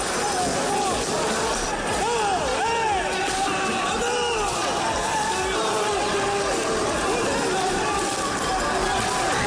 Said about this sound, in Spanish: Gente encapuchada, vestida de negro, con palos, bates de béisbol, petardos y una batalla campal. Han volado sillas, mobiliario urbano. Bueno, este es el sonido.